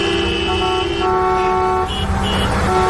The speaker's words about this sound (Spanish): Muchos pitaban al ver el convoy de la Guardia Civil y la UME que nos ha llevado a algunos periodistas a la zona de Pelayos de la Presa y al pantano de San Juan.